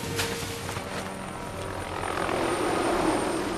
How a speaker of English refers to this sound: A chopper flies overhead.